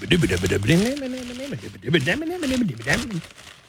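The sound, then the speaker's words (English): Crinkling paper from gifts being wrapped in a house basement in the middle of the night rustles steadily underneath a louder woman's voice speaking continuously, the papery crackle sitting as a soft, irregular texture beneath the talk. “I'm like, these nincompoops are rapping my gifts.”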